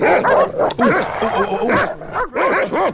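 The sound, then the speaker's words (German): Dogs bark loudly in a rapid, almost continuous string of sharp, yappy barks with a few whiny yips mixed in, filling the whole moment without a pause. “Du hast nicht so krasse Hunde, die so bellen, ja?”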